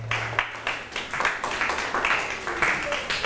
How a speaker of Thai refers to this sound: ถูกต้องค่ะปรบมือให้กับคนโปรดหน่อยค่ะ